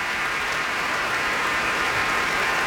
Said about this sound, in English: And the crowd roars. He shoots, he scores. For Misha Majsky, cellist with the Berlin Philharmonic, led by Zubin Mehta on WQXR.